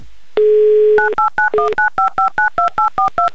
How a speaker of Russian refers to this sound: Набрали мы эти цифры электронными нашими пальцами внутри вот этой всей системы. Все так вот быстро па-па-па-па-пам.